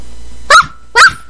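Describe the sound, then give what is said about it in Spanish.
A person imitates a dog barking twice, two short, loud woofs spaced about half a second apart, with nothing else around them, in a game of guessing animal sounds. “Un perro.”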